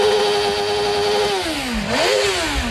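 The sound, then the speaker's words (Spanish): A loud motorcycle engine holds a steady buzzing drone, then drops in pitch and revs back up sharply, with no voices; in Alcañiz, Aragón, Spain, during the Michelin Aragón MotoGP Grand Prix. “Vamos a portarnos bien, no quemamos rueda.”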